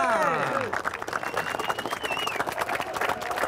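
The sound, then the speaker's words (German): A crowd cheers and claps continuously at the Pfingstquack Pentecost custom in Schmalenberg, with dense, steady applause and rising and falling shouts and whoops mixed in, loud throughout. “Jubel!”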